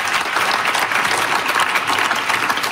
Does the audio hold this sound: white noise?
no